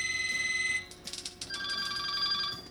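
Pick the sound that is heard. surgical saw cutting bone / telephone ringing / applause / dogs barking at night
telephone ringing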